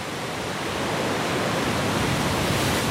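Stormy sea on the Breton coast, with a big swell and waves slamming into rock crevices and throwing up foam: a dense, steady roar of heavy surf and churning water for three seconds, loud and unbroken, with no single crash standing out and no voices.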